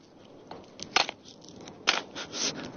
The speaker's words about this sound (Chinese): 用这个锄头锄地，我就像人家健身房里面拿锤子砸轮胎是差不多一个道理。练肺活量，练耐力，练臂力。